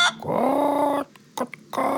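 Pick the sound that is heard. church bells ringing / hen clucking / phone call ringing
hen clucking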